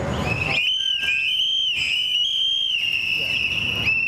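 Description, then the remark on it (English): A crowd at a rally in New Haven, commemorating two men killed by ICE agents, blows whistles together to show how others are warned of ICE activity, a dense, shrill high-pitched chorus that holds steady with brief dips, loud and sustained over a low rumble of background noise. “an organizer with Unidad Latina en Acción, calls on the crowd to blow into their whistles, a popular tool to warn others of ICE activity, as they commemorate two men recently killed by ICE agents across the country.”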